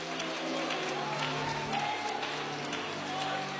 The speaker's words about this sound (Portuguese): Ai, meu Deus, se for para glorificar, que seja com palmas e aleluias.